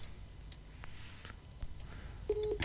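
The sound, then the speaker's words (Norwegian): Quiet telephone-line hiss with a few faint clicks, then a short, steady electronic phone tone near the end as a call connects. No one speaks. “Du ringer ind igen”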